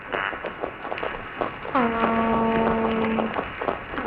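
toadfish boat whistle call

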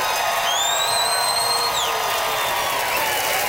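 audience applause and cheering

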